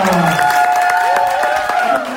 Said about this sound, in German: Ja, das erste Los ist gezogen worden und wir klatschen ihn auf die Bühne.